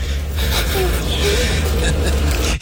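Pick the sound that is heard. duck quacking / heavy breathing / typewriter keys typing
heavy breathing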